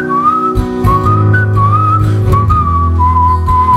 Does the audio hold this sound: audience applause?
no